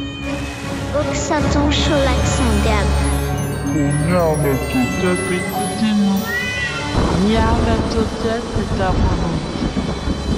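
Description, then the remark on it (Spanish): Many cats meow and yowl over one another in a loud, continuous chorus of rising and falling cries, with a low rumbling drone running underneath throughout. “De lo que hicieron los gatos la noche de la partida de la caravana”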